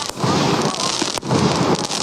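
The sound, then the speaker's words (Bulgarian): A ceremonial fireworks salute at the evening roll-call ceremony in Kozloduy, part of celebrations for the 150th anniversary of Hristo Botev's feat, fills the scene with a dense, continuous crackling roar, loud, with one sharp pop cutting through midway and no voices. “Сигурно зрителите ни вече чуват продължаващите салюти на вечерната заря проверка, която вече проведе тук в Козлодуй.”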